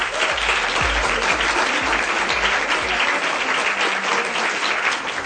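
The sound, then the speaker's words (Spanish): An audience claps steadily for a guest being introduced, a dense, even patter of many hands that holds at a strong, constant level for several seconds without voices. “Les pido un fuerte aplauso para él.”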